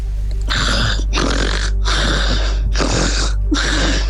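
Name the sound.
person imitating snoring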